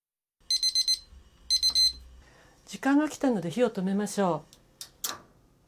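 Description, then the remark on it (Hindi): A kitchen timer, set for 12 minutes of cooking rice in a covered pot, beeps in two quick bursts of rapid, high-pitched electronic chirps, clear, followed by a person speaking. “वक्त पूरा हुआ, आइए अब आंच बंद कर देते हैं।”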